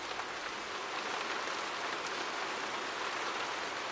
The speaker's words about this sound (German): Auf einmal merken wir, dass Regentropfen fallen.